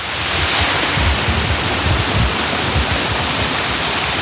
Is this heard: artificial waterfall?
yes